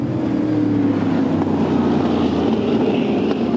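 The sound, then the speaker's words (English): A racing powerboat's engine roars steadily at high speed over a three-quarter-mile run, crossing the Performance Boat Center finish line at about 150 miles an hour, a loud, continuous droning rumble with a low tonal hum and rushing water-like hiss, no voices present. “And it does not take long for those things to cover 3/4 of a mile.”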